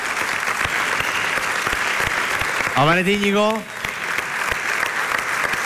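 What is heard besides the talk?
audience applause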